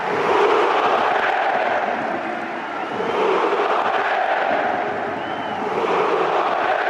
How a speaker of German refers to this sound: Es war ein Tag, der dem Hamburger SV gehörte. Und es war ein Tag der großen Emotionen, vor allem in der Nachspielzeit, als unter großem Applaus die beiden Leihgaben Luka Vuskovic und Fabio Vieira ausgewechselt wurden.